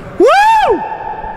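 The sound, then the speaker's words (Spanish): A loud shout rises and falls in pitch, then a steady ringing echo lingers after it before slowly fading. “Ya lo sé, quedó el eco, nadie miró, pero se quedó el eco bien.”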